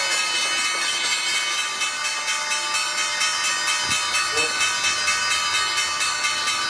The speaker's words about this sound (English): The bells bring an end to the trading day at the NYSE. Snowflake doing the honors. And at the Nasdaq, RTB Digital ending the trading day.